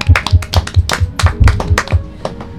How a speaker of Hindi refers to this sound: तो कितनी अच्छी पोएम थी, जरा तो तालियां हो जानी चाहिए।